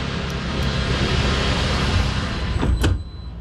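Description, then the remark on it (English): A vehicle's big sliding glass doors glide along their track and close with a soft thud near the end, over a steady, loud rumble of engine and road noise, on a manufacturing plant's floor. No one speaks. “You can listen how good these doors work.”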